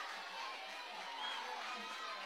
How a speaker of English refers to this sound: Laced foul down the left side. Heard a little bit of an ooh from the crowd. That was a line drive. That would have been fair.